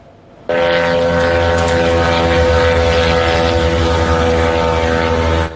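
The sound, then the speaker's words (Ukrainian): A loud, steady propeller engine drone roars overhead, a buzzing, harmonic whine that starts abruptly and holds at constant volume throughout, with no voices. It is a Ukrainian attack drone flying over St Petersburg at night, during an attack on an oil terminal and military sites. “Опа, ще літить.”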